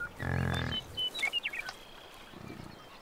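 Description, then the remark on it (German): A deep, drawn-out grunt from a bison herd in Yellowstone, followed by a few quick bird chirps and then a second, fainter low grunt. No one speaks. “Die Luft ist erfüllt von Grunzen, Staub und strengen Gerüchen.”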